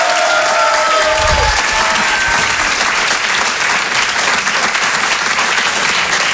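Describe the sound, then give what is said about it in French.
Loud, sustained applause from a large audience for a female performer who sang the songs, a dense steady clatter of many hands clapping for several seconds, with a few faint tonal notes at the start. “On peut l'applaudir très fort, elle aussi,”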